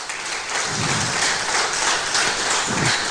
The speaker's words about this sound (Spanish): Denle un fuerte aplauso al Rey de Reyes y Señores de Señores.